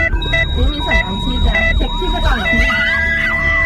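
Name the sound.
ambulance siren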